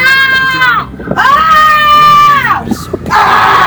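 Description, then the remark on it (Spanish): Children in the Plaza Vieja town square in the afternoon, some with a baby walker, shriek and yell loudly in a series of long, high-pitched sustained screams, with a noisy open-air crowd murmur underneath, piercing. “Los niños con el tacatá, unos chillidos, unos gritos.”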